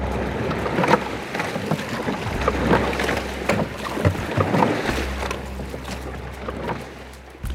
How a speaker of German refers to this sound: So klingt es, wenn 8 Männer in einem Boot hocken und rudern, um die Wette rudern.